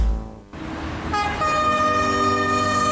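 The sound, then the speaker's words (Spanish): A train rumbles past, then its horn sounds a long, steady, loud multi-tone blast that holds to the end, with the low rolling noise of the cars underneath. “Si vas a cruzar la vía férrea, hazlo únicamente por los pasos habilitados y siempre respeta las señales reglamentarias de seguridad que allí existen.”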